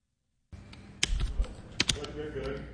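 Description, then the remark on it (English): Fingers of local students in a Rochester STEM class tapping on computer keyboards as they work on questions about artificial intelligence, an irregular patter of crisp clicks, several sharper strokes standing out against a low room murmur. “Fingers tap across their keyboards as local students ponder complicated questions on artificial intelligence.”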